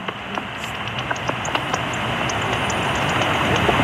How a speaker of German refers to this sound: Alle sind leislich und hören am Rauschen der Ultraschalldetektoren zu. Bis dann ein Fledermaus vorbeihuscht.